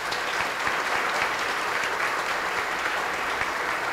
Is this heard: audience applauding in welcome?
yes